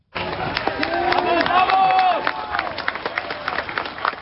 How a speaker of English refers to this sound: Crowds erupted in cheers and celebrations.